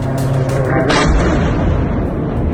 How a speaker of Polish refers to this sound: Ukraiński prezydent w mediach społecznościowych podzielił się nagraniami, na których widać eksplozje i rosyjskie zakłady w ogniu.